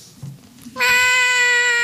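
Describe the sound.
A person imitates a hungry cat's meow: one loud, long, drawn-out cry at a steady pitch, beginning abruptly after a brief quiet pause and holding until the end.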